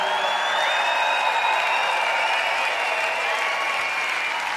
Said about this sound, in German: Ich weiß jetzt nicht, was das für ein Applaus ist. Ist das so super oder ist das, nein, bitte zieh dich aus, zieh dich um.